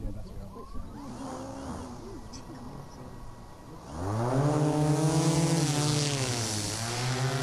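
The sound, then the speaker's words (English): A small drone's motors spin up with a rising whine, then a steady, buzzing propeller drone hovers, pitch wavering as it climbs and flies, over faint outdoor background noise, during a drone demonstration at the Agriculture Careers Day at the University of Melbourne's Dookie campus. “That's not the sound of a whippersnipper flying. It's a drone demonstration at the Agriculture Careers Day at the University of Melbourne's Dookie campus, where the future careers in agriculture could be launched.”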